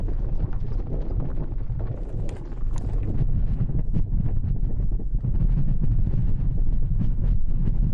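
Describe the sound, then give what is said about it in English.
Strong wind roars through an early-spring sandstorm in the Gobi desert, a steady, heavy rumble with gusty bursts and buffeting across the whole stretch, loud with no voices. “It is early spring and sandstorms are raging across the Gobi.”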